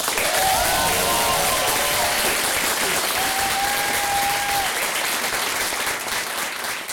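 Loud, sustained applause from a large audience fills the room, dense clapping holding steady throughout with a few faint whistles rising above it.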